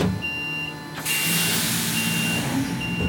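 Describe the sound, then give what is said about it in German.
An electric long-haul truck's reversing alarm beeps steadily at a regular pace, long high tones over a low, quiet vehicle hum and broad outdoor noise, with no engine roar and no voices. The truck shuttles between Fendt's cab plant and main plant in Marktoberdorf, Germany. “Der Unterschied ist die Geräuschkulisse. Das ist fast wie Trambahnfahren.”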